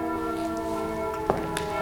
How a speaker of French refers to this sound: Oui. Avec les cloches, et ce sont les cloches de quelle église, ça, hein?